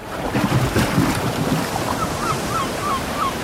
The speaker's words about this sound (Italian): Lo senti? È il richiamo del mare.